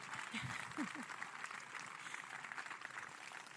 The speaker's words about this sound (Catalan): I jo vull que fem un fort aplaudiment per la comissió de festes, perquè sense aquesta costura la festa no seria possible i no seria patrimoni immaterial de la humanitat. Així que un fort aplaudiment.